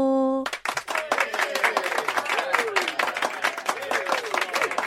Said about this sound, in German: Ich habe jetzt extra so eine Pause gelassen, dass du so Jubelgeräusche einbauen kannst. Oh ja, das mache ich dann im Schnitt.